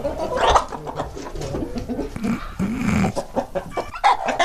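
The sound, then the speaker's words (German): A hen clucks in a steady run of short, agitated calls, moderately loud, sounding irritated. Other faint farmyard noise sits underneath, with no talking. It is the second of three hens being compared by their clucking. “Oh, die klingt so ein bisschen, als ob sie sich ärgern würde.”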